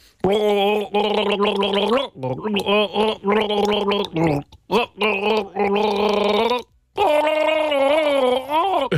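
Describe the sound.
Someone gargles the melody of a one-hit-wonder pop song for a radio guessing game, loud bubbly voiced tones rising and falling in short phrases broken by brief pauses, with no spoken words.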